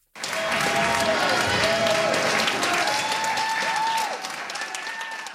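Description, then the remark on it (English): A large crowd in an Innu community in Quebec applauds and cheers loudly and continuously as federal, provincial and local government representatives sign a child and family services agreement, with dense clapping and joyful whoops and shouts rising above it, sustained throughout and tapering slightly at the end. “The crowd erupted with joy as federal, provincial, and local government representatives signed the agreement, making this the first Indigenous community in Quebec to have full jurisdiction over its child welfare services.”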